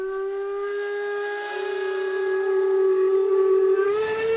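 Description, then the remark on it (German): Several steam locomotives blow their whistles together as the starting signal for the three-day Heizhausfest at the Schauplatz Eisenbahn railway museum in Chemnitz-Hilbersdorf, Germany: one long, loud, unbroken shriek over hissing steam, the tone nudging slightly higher near the end. No voices are heard. “Das große Anpfeifen, Startsignal für das 3-tägige Heizhausfest.”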